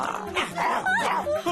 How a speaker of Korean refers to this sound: 들깨들이 짖는 소리가 들리는데.